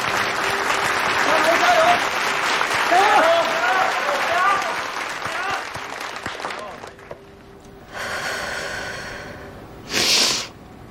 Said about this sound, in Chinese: 好，那我们现场的观众朋友可以给一些鼓励的掌声。